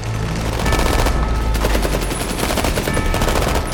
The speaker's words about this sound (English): The barrage of gunfire takes out more residents. Peacekeepers shoot at the ascending workers who hurry higher into the green treetops and disappear.